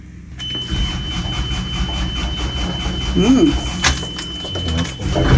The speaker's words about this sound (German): Also wir haben hier den Gashebel. Der hat hier den Leerlaufschalter. Und dann schieben wir den Gashebel erstmal im Leerlauf nach vorne. Starten den Motor, ein bisschen auf Vorglühen.